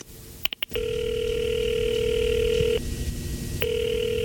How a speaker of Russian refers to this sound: Потом решительно прошагал к своему письменному столу, сел в кресло, поднял трубку телефона прямой связи на Старой площади, набрал номер.